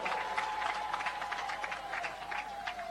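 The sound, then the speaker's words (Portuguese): A crowd at a political rally applauds their pastor, who blessed the rally with prayer, steadily for several seconds, a dense, even wash of many hands clapping, with a thin sustained tone humming faintly underneath throughout. “E quero pedir uma grande salva de palmas para o nosso pastor.”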